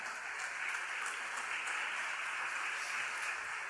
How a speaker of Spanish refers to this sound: aplaudo al Señor.